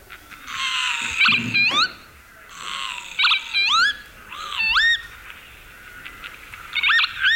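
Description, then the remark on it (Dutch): Northern lapwing calls, a series of about five to six wheezy, slurred rising 'pee-wit' notes at irregular intervals, fairly loud over a rough hissing background, with no talking. “Ja, de kievit.”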